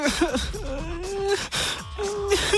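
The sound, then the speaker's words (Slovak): A voice imitates sobbing to depict the crying-face emoji, with wavering, whimpering wails broken by sharp gasping breaths, fairly loud, in short bursts without any words. “Je to veľmi ťažké, ale tohto plačúceho myslíme, ktorému idú prúdy slz z očí.”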